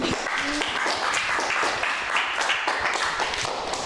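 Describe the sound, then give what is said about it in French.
A crowd applauds steadily for a few seconds, a dense, continuous patter of many hands clapping with no voices over it. “Hey, on l'applaudit, hein.”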